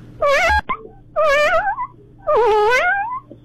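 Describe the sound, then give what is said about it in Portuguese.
A caller on the phone imitates a kitten meowing three times, each a drawn-out, wavering mew with rising and falling pitch, fairly loud, separated by short pauses. “É um gatinho, pô.”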